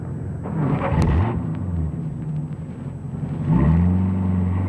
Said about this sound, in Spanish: Yo empiezo la persecución en taxi.